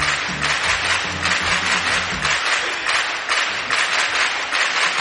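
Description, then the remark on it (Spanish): Steady applause from a small group on an Es Radio programme, welcoming the programme's new technical director, fills the whole stretch, dense and fairly loud, with a low murmur of voices underneath in the first half. “aplausos para ti misma”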